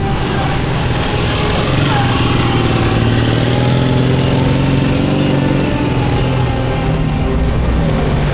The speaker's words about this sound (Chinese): 团长，就一辆摩托车。 团长决定要打他。